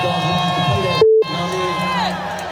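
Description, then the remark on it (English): A large, loud concert crowd cheers and shouts continuously during a rapper's set as he shouts out a DJ, a dense roar of many voices, briefly interrupted near the middle by a short steady beep tone before the cheering resumes. “As it started playing, I just remember, y'all made some noise for my Pub Dog in this motherfucker.”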